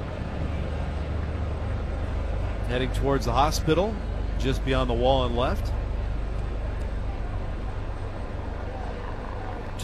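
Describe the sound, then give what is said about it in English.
A Maryland State Police helicopter drones steadily overhead above a baseball game, its low, continuous rumble filling the whole stretch while a man speaks briefly over it. “Maryland State Police helicopter gliding above.”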